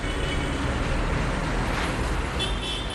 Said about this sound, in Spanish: Xente paseando, o tráfico de sempre, un día normal.